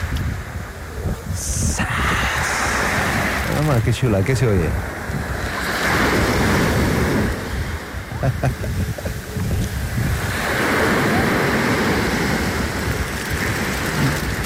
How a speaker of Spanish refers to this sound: Las olitas del mar, muy a gusto, una tabla y un desayunito de campeones. Listo, amanecer, no todo es trabajo, desayunando en la playa de Marinamar